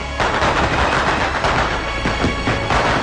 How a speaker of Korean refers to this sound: 다리 어귀에서는 이따금 요란한 소리를 내며 폭죽이 터지었다.